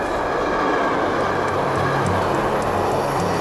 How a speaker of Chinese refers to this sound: 离开北京，我们暂时告别胡同，坐上高铁，咱直达宝地。